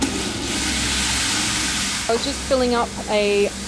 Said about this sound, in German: Ich fülle die Kanne mit Wasser auf und gebe etwas Nährlösung hinzu. Wie viel brauche ich noch mal? Ah ja, 6 Milliliter. Eine Klima- und Aufzuchtkammer an der Universität Wageningen in den Niederlanden, hell erleuchtet durch LED-Röhren an der Decke.